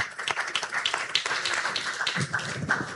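An audience at a panel session applauds steadily for a few seconds, a dense, even patter of many hands clapping at moderate loudness with no voices over it.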